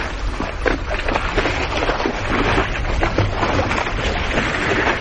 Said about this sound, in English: On iceberg, there's overhangs. You can hear the water that laps underneath the ice.